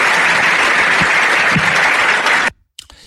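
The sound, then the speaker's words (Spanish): A crowd applauds a politician's speech loudly, a dense steady wash of clapping that stops abruptly at about two and a half seconds, followed by a brief silence and a faint scrap of sound. “Y lo aplauden.”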